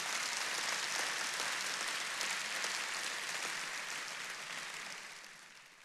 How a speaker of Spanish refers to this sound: Este aplauso tiene que ser más fuerte.